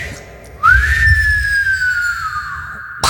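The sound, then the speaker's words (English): A man whistles a single long note that slides up at the start, then holds steady and slowly drifts lower, clear with a faint low rumble beneath. “That's because he can whistle.”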